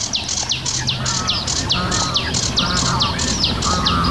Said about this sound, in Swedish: Det låter som två fåglar, men det är sävsångaren som gör båda rösterna samtidigt. Underbar kör.